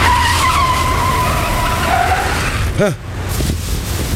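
A car skids to a halt while being parked, with a long, loud tire squeal over a rumbling engine, ending in a brief screech before the motor settles into an idle.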